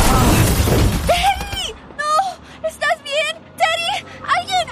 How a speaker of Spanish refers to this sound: ¿Este joven fue atropellado por un auto? Sí, y estoy preocupado porque su casco está destrozado y abierto. ¡Es un casco nuevo!